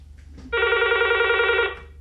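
A telephone rings once in a single steady burst of about a second, loud, with a bright harmonic buzz over a low background hum: an incoming listener's call to a phone-in programme in Bhopal, from a caller in Malegaon.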